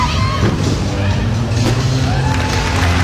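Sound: crowd cheering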